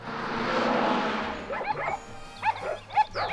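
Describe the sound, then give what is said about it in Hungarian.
A steady rushing noise fades into a few short, sharp dog barks spaced about half a second apart, with a low rumble lingering underneath; dogs harnessed to pull a cart. “az a harmadik kutya nem húz.”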